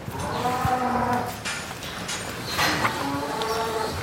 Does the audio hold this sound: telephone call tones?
no